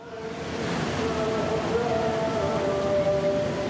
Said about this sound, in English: As the coffins carrying the former supreme leader and his family come into view, the crowd erupts. Their chants drown out almost every other sound.